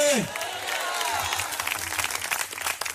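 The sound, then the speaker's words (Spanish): An audience breaks into sustained, loud applause, dense overlapping claps filling the whole clip, with a brief falling vocal tone at the very start. “Y si ese aplauso es para Cristo, hágalo con todo el corazón.”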